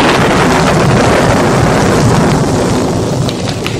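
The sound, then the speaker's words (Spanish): A loud, steady roar of wind from a violent electrical storm at nightfall, with a deep, continuous low rumble underneath, filling the whole moment unbroken, with no voices. “llegar a algún sitio donde poder librarse de aquella terrible tormenta eléctrica”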